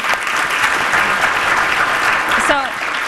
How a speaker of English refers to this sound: So another round of applause for Dolly.